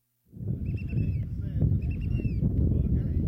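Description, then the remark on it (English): Strong wind roars and buffets over the steady rumble of a boat lurching in its wake on Lynn Canal, Alaska, as people hop from a large boat to a smaller one and onto a rocky island, with faint high whistling tones drifting above the noise. “The wind is whipping, and the boat lurches in the wake.”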